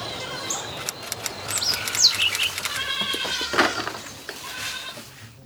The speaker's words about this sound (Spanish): En este establo ubicado a pocas cuadras del poblado, tres familias se encargan del cuidado de un grupo de cabras que forman parte del proyecto de producción y comercialización de leche que asocia a alrededor de 200 personas de 5 comunidades vecinas